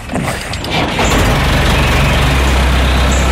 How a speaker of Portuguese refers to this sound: Cuidado com o trator. Tenho de cortar o mato.